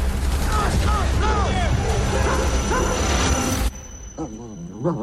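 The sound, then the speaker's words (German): A German shepherd dog named Odin, an ex-soldier's war-veteran dog in a film set in the Alaskan wilderness, yelps and yips in a quick series of sharp, high cries over a dense, loud background, then the din drops away and a few softer whines and yelps follow. “In den endlosen Weiten Alaskas müssen Brad Pitt, Ex-Soldat und sein Schäferhund Odin ums Überleben kämpfen.”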